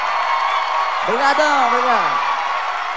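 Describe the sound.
A steady wash of applause and crowd noise fills the whole stretch, with a loud voice whooping in a rising-then-falling cheer partway through.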